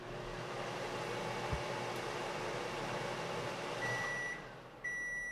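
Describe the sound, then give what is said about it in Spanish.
An oscilloscope's electronic beep sounds twice, a short high tone followed by a second after a brief pause, signalling that everything is OK, over a steady background hiss with no one talking. “y lo pone a tope, sí, hasta que oiga que yo tengo aquí un osciloscopio y va a oír un pito.”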